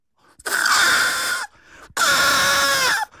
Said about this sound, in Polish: Próbowali dzisiaj państwo odgadnąć, co to jest za dźwięk. I chociaż są to małe karmione bociany, to była propozycja jednego ze słuchaczy, że to jest trąbienie na źdźble trawy.